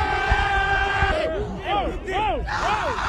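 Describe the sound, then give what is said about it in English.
A loud, dense crowd of New York Knicks basketball fans cheering throughout, with several individual voices rising above the din in long, arching yells and whoops. “Listen to these highlights of Knicks fans just going crazy.”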